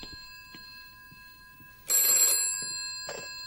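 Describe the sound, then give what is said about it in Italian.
A telephone bell rings loudly in a harsh metallic burst, followed by a second shorter ring, with a steady electronic tone humming throughout and no one speaking. “A rispondere è il telefono che risponde alla domanda.”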